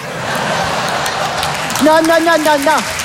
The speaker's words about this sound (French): Non, monsieur, dame, n'applaudissez pas, parce que c'est méchant.